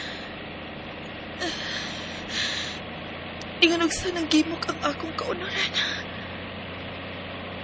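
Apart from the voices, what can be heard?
bus engine idling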